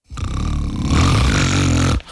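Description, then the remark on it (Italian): A single loud, rumbling snore lasting about two seconds, deep and rattling with a harsh nasal buzz, steady throughout before cutting off abruptly. “ma questo non è russare, è un terremoto!”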